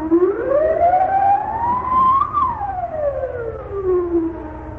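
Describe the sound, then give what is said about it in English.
A loud wailing alarm siren rises slowly in pitch to a peak, then glides back down in one long continuous sweep, over a low steady rumble. “Alarm! Set off the alarm!”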